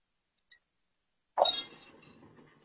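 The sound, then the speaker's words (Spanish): A single small metallic tick, then a bunch of keys jingles and clinks brightly as they are handed over for about a second before settling and fading, with no one speaking. “Llaves fuera, tómalos.”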